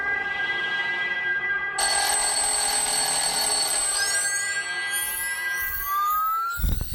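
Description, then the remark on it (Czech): An alarm clock set for 4:00 rings loudly and continuously, its metallic jangle growing harsher partway through, with rising whistling tones toward the end before it abruptly cuts off. No voices. “Večer jsem vytáhl z truhly starý globus po dědovi, vyznačil na něm Honolulu, dal ho na stůl, nastavil budík na 4:00 a šel spát.”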